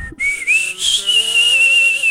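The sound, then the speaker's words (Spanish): A clear whistled melody of a Mexican ranchera song from the film Nosotros los Pobres: a short sustained tune phrase with a gentle wavering vibrato, gliding up slightly before holding steady, with no voices present. “Ese chiflidito de”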